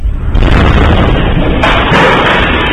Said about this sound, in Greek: Στο βίντεο ντοκουμέντο του ΕΡΤ News από εσωτερική κάμερα διπλανής επιχείρησης ακούγεται ο εκοφαντικός θόρυβος της ισχυρής έκρηξης στη μονάδα παραγωγής ξυδιού στα Εξαμήλια Κορινθίας.